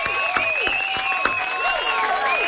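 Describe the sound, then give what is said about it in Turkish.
A burst of steady applause from a group for the Turkish Air Force's 115th anniversary, many hands clapping densely and continuously, with a few bright whistle-like tones riding over the clapping. “Alkış o zaman.”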